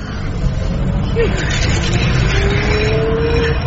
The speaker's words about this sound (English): We're on the Autobahn. There's no speed limit. You can go any speed you want.